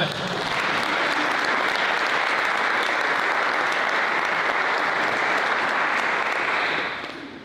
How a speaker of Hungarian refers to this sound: te neked ez már pipa, egy tapsot kérek.